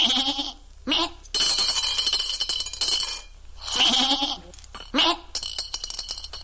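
A sheep bleats several times in loud, wavering calls, each cry lasting a second or so with short pauses between them.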